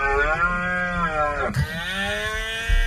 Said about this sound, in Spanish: El espectáculo natural protagonizado por los ciervos en época de celo se puede disfrutar en 13 puntos de escucha.